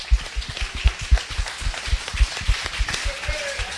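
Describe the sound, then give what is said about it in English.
An audience at a meet-the-candidates event applauds the event's partners, a dense crackle of many hands clapping at once with sharp irregular claps and low thumps running through the whole few seconds, fairly loud and even throughout. “Yes, give them all a round of applause.”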